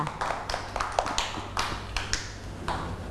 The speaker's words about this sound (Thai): เด็กๆปรบมือ